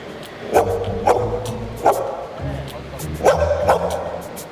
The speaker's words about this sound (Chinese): 那现在得让他们五只先叫一下呀。 对， 我们也得有个样本呢。 那接下来我们先请听五只狗狗的声音，请一号开始。